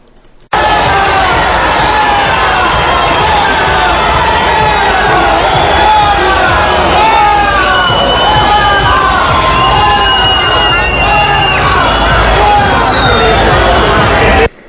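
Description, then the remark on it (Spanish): A large crowd of citizens roars continuously with cheers, whistles and shouting voices as King Felipe and Queen Letizia of Spain greet them, mixed with booing aimed at the government delegate and a dense babble that stays loud and steady for the whole stretch. “Los aplausos y la satisfacción por ver a don Felipe y doña Leticia de cerca contrastaban con los abucheos recibidos por la delegada del gobierno.”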